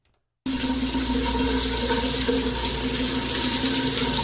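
After a brief silence, shower water bursts on and runs steadily, a loud, continuous hiss and splash with a faint hum underneath and no talking.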